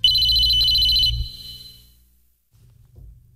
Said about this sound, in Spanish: A ver, contesta, bonito, por favor. Sí, es un teléfono antiguo. Contesta.